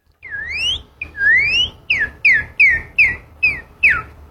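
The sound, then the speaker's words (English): A person whistles an imitation of the song of a northern cardinal, the most common bird around their home in Oklahoma: two long rising slurred whistles, then six quick descending notes in a steady rhythm, loud and clear with no talking. “The northern cardinal.”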